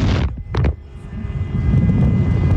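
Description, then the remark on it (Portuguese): A loud, brassy truck horn blast cuts off abruptly, then two quick short honks follow over a steady low engine rumble and road noise. “Olha a buzina aí”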